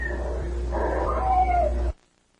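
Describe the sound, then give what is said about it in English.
A cat meows in a drawn-out, wavering cry while a thin, steady whistle tone holds underneath, both fairly loud over a low hum, ending abruptly into silence. “And this voice comes in and says, nap cat, and there's a whistle and a meow.”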